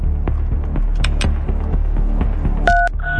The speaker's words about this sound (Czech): Já už to teď vím taky a volám na telefonní číslo, ze kterého přišla tahle soutěžní SMS-ka.